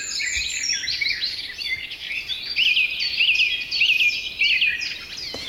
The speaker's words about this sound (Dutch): tijdens een avondwandeling vanuit woonboot Inske te Oudega, Friesland, in een geweldig vogelconcert van rietvogels, weidevogels en lekker hoog in de bomen allerlei vogels. Ze schrijft: graag delen we dit concert met jullie.